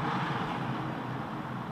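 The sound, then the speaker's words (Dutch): A steady wash of city street traffic passing by in the town of Tienen, a continuous low rumble and hiss of vehicles, with no voices and no distinct individual events. “Het verkeer, het stadsleven van tienen gaat hier, zoals dat op vele plaatsen het geval is, gewoon voorbij.”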